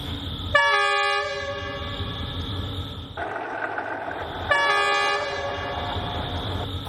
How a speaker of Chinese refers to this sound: 你一会儿先听着声音轰隆隆，听着声音就可以准备了。一会儿这个 S2 就要从这儿经过，看看能不能拍到跟百年前一样的角度哈。车换成新的 S2 线。